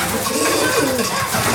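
Pigeons coo softly as they return to their loft overhead, their low, rolling calls overlapping steadily against a dense, rustling background with no voices.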